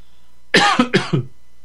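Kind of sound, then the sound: human body sound, cough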